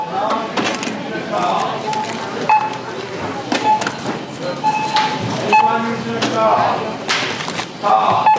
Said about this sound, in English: So now I'm at the self-checkout. See if I can do, if I can talk through this. I'm not going to be able to, but you can hear the beeps.